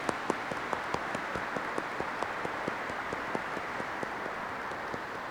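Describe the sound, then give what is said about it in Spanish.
Applause from an audience welcoming a visiting group that accompanies a priest living in Virginia, United States: a steady, dense patter of many hands clapping at once, with sharper individual claps standing out, sustained at moderate loudness with no voices. “Les damos un fuerte aplauso, que sean bienvenidos.”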